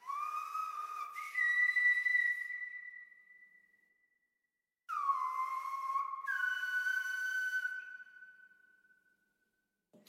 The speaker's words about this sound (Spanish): Entonces sentí la necesidad de venir a la isla de La Gomera, donde me encuentro actualmente, a aprender el silbo gomero, que es una comunicación ancestral en el que los antepasados se comunicaban a través del silbo.